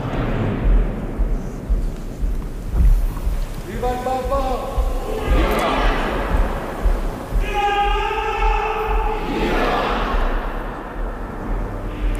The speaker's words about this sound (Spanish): La espontaneidad que se escucha en este momento. Son otros momento. Cantos, ¿no? Sí. Y ahora los aplausos, la ovación de las personas que están allí congregadas.